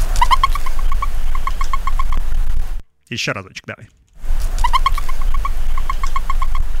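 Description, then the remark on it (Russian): A turkey gobbles in rapid, warbling bursts with a bubbling, throaty pitch. It plays, pauses while someone briefly speaks, then the loud gobbling repeats. “Это индюк. Такие звуки издает.”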